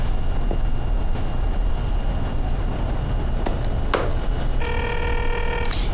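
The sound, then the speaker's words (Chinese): Someone dials a telephone to make a late call: a few sharp clicks like phone keys being pressed, then a steady electronic ringing tone starts near the end, all over a constant low engine-like rumble. No one speaks. “这么晚给你打电话，不打扰你吧？”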